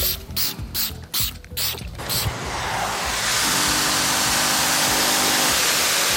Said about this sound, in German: Sprühen, rubbeln, dampfsaugen. Das ist heute das Tagesgeschäft für Jörg Kraftschick vom Silbitzer Reinigungsservice.